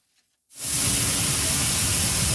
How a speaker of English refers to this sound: The sound of thousands of tons of Canadian durum wheat being loaded on a ship at the port of Churchill feeds renewed optimism about its future.